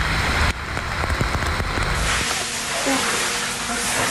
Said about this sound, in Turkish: Ankara'nın çevre ilçelerinde dolu, şehir merkezinde ise sağanak etkili oldu. Başkentte öğleden sonra başlayan yağış hayatı felç etti.